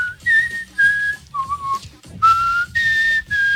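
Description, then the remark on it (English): A short whistled tune of about six clear, sustained notes stepping up and down in pitch, fairly loud, with faint background noise and no talking. “What was that whistle close.”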